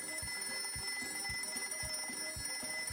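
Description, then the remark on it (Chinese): An alarm clock rings on and on in the morning, a steady bright metallic tone with a regular pulsing beat about twice per second, loud, with no one speaking. “那天早上，闹钟响了好久，可他还是赖在床上不肯起来。”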